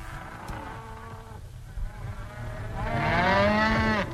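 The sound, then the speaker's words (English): A cow moos several times, a low bellow swelling into a long, loud, drawn-out moo near the end, with faint outdoor background noise and no talking. “The cow became a very useful animal.”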